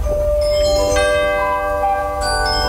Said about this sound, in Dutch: En waar luisterden jullie naar? Het was voor ons was het eigenlijk het klokje van 7 uur en dus naar bed. Dus dat duurde 10 minuten.